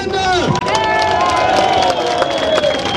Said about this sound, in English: A crowd cheers at an Alternative for Deutschland rally in the town of Querfurt. It's here in the region of Saxony-Anhalt that the far-right party is aiming to take power at a state level for the very first time.